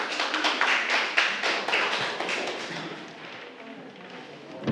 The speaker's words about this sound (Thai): เก่งมากปรบมือให้กลุ่มสองค่ะ